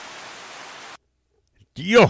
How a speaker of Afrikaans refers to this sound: Wow, yes, ek het dus nou reënval op 'n sinkplaat dak in die sandveld, hè?